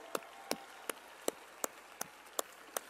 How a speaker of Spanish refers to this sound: Nos reunimos después de conocer las designaciones a las coordinaciones estatales de la transformación y debemos reconocer que han hecho un extraordinario trabajo. ¡Un aplauso!